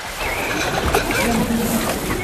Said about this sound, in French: Vous entendez ? Ceci est le son d'un enfant qui se noie. Une personne qui se noie ne crie pas et n'agite pas les bras.